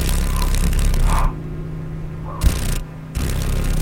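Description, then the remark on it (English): A female paddle-tailed darner dragonfly's wings vibrate in a rapid, raspy buzz that comes in three bursts separated by short quiet gaps, with a faint steady low hum underneath. “This is a female paddle-tailed darner, and it's one of seven mosaic darners that are found in Alaska.”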